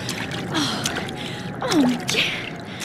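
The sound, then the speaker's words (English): Sloshing, splashing steps through floodwater on a stable floor, a few uneven wet bursts over a steady noisy wash, with faint creaking or squealing tones mixed in. “There's water all over the floor. Better get out myself.”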